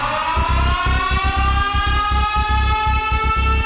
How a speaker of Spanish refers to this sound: Enciendo la alarma.